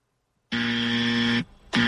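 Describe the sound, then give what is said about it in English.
A loud, harsh game show buzzer blares for about a second, cuts out briefly, then repeats on a loop, sounding three times to mark an incorrect answer. No one talks. “Okay, one buzzer would be fine. Three's a little bit obnoxious. I forgot I had it on loop.”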